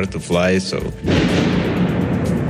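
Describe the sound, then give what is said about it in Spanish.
A brief voice is followed by a loud missile explosion over Kyiv at 2:15 in the morning that booms suddenly and rolls on as a long, rumbling echo across the city. “Las primeras explosiones resuenan sobre Kiev.”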